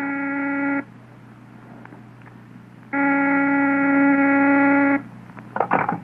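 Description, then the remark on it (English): A telephone rings in two loud, buzzing bursts separated by a pause, over a low steady hum, followed by a brief clatter as the ringing stops. “Van Dyke is on the phone.”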